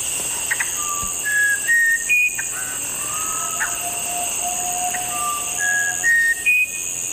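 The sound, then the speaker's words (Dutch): A musician wren sings a series of clear, pure whistled notes at varied pitches, spaced unevenly like a slow melody, over a steady hiss of insects and forest ambience. No one speaks. “Ja, en deze soort heet de Musicanto Bren.”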